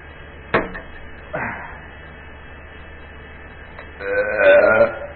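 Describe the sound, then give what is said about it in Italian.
A sharp click and a short rustle, then after a pause a loud, drawn-out burp lasting nearly a second, following a sip of juice, against a faint steady hum. “Prima però un sorto di succo di globalizzazione con rutto propiziatorio.”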